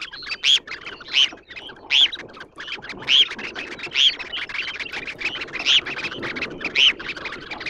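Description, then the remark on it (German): A red phalarope gives a series of short, sharp, high calls, about ten in eight seconds at an uneven pace, clear over a steady rushing background noise. “Mein Vogel der Woche, das sehr zarte, sehr unmännliche Thors Hühnchen.”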